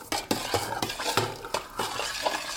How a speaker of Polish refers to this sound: Przemieszam sobie więc jeszcze raz tłuszcz z miodem.